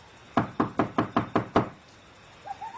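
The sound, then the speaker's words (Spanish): Peter knocks on the wooden street door of the house of Mary, mother of John Mark, a quick, steady run of seven fairly loud knocks, followed by quiet with only a faint trailing sound at the end. “Llamó a la puerta de la calle y salió a responder una sierva llamada Rode.”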